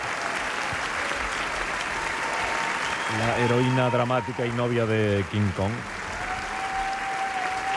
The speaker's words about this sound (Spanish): Hasta aquí la entrevista. Sí. Fuerte aplauso